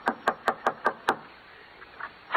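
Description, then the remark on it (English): Six quick, evenly spaced knocks rap sharply on the wooden door of a house, fairly loud, followed by a short pause and faint shuffling sounds with one more soft tap at the end. “Yeah, knock on the door.”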